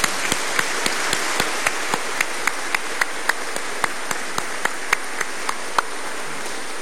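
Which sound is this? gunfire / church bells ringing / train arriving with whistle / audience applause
audience applause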